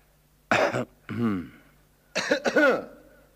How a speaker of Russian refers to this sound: Вскоре из дому вышел отец, подошел к соседскому забору и тихонько кашлянул.